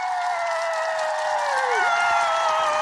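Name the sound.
cheering and applause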